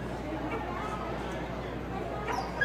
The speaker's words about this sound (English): It is Bark in the Park Day. You can hear that poor dog. Doesn't sound so happy right now.